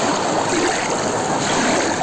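A steady, dense roar of surf washes over the beach at Laxe on the Costa da Morte, loud, with continuous hissing foam and no distinct pauses between waves. Nobody speaks.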